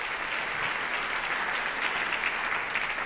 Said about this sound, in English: That song is called Amazing Grace. Tai buvo Amazing Grace. Mm-hmm. We can clap for Amazing Grace, why not? Paplokim, kodėl gi ne?